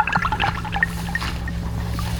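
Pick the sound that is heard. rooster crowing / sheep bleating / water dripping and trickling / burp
water dripping and trickling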